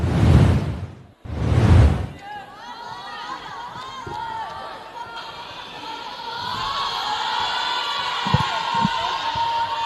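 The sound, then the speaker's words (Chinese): Two loud bursts open into a steady roar of crowd cheering at a junior high school volleyball final, Chongqing Bashu vs Beijing Guangqumen, at China's 2023 second National Traditional Sports Schools League, with shrill, high-pitched shouts ringing over the din and a few dull thumps near the end. “那么接下来要为大家带来的是2023年第二届全国体育传统项目学校联赛排球项目初中组的一场对决，也让我们将画面切换到比赛的现场。”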